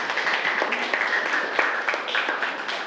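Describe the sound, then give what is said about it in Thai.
A group of students in a classroom claps steadily for a few seconds for a classmate who answered the teacher's question, a dense, continuous patter of hands with no speech over it. “ปรบมือให้กับเพื่อนด้วยนะครับ”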